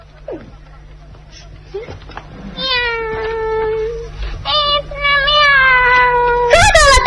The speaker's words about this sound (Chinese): 您看，一只多漂亮的小白猫啊！ 哼，简直是岂有此理！谁叫你钻进来捣乱的啊？